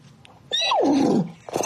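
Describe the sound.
A person imitates a horse's neigh, translating a phrase into neigh: one loud whinny lasting under a second, starting high and sliding down in pitch before trailing off, with no talking around it.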